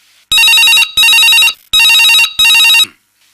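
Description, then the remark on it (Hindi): A telephone rings loudly in four bursts, two quick pairs of harmonic electronic trills with brief gaps between them, then stops; no one speaks. “तो फोन आते हैं ले लेते हैं।”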